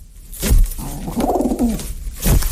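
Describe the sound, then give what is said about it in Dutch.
A pigeon named Draki gives a low, drawn-out grumbling coo with a rough, discontented tone, bracketed by two short, sharp rustling bursts at the start and end. No one speaks. “Draki knorde vooral ontevreden.”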